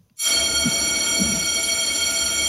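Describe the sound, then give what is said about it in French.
A bell sound effect played during a broadcast show strikes suddenly and keeps ringing loudly, its bright metallic overtones holding steady for a couple of seconds without fading, over a low rumble. “Alors, pourquoi tu m'envoies la cloche?”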